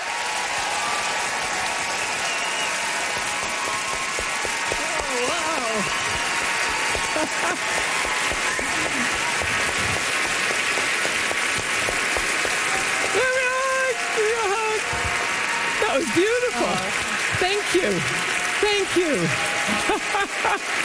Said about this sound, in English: Great applause, rock applause, and that's all you get to see, folks.